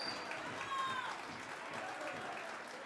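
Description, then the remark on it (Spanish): An audience claps steadily for the Saya de Chicaloma, an Afro-Bolivian saya, in a dense wash of applause, a sustained crackling patter at even loudness throughout, with a brief faint whistle-like tone riding over it near the start. “20 votos de aplauso a la Saya de Chicaloma.”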